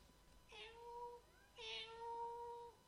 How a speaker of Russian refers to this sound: к нам кошка просится. Отстаньте вы все от меня. Я ее впущу. Только попробуй. Может быть, это дикая кошка. Может быть, она нас всех перецарапает. Она совсем не дикая.